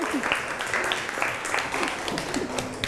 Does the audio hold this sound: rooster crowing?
no